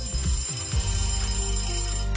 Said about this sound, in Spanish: ¿Alguna vez programaste un despertador de Radio Disney? Si no, escucha esto.